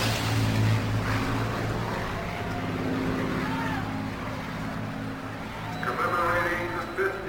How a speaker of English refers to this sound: General Chuck Yeager is one of the pilots flying those P-51 Mustangs.